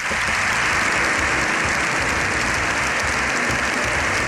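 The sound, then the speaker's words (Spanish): Sustained, dense applause from a packed Congress of Deputies in Spain, an ovation of more than 7 minutes for Pope Leo XIV; a steady loud wash of many hands clapping at once with no pauses, keeping going throughout. “Más de 7 minutos de aplausos, de ovación, se ha llevado el Papa León XIV en un abarrotado Congreso de los Diputados.”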